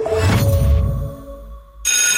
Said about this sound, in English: That bell means little feet are on the move.